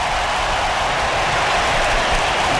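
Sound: stadium crowd applauding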